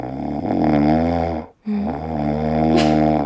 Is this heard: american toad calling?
no